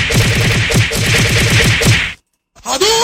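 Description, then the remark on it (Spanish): A rapid flurry of whip-crack sound effects, a dozen or more sharp loud snaps in quick rhythmic succession for about two seconds, then a brief silence before a rising whooshing tone. “Mándale, por favor, una lluvia de cucazos.”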